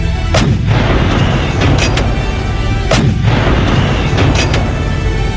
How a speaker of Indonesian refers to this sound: Pasukan, serang dengan meriam.